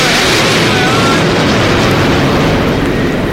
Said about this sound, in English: That was Winged Warrior. That was a big jet aeroplane.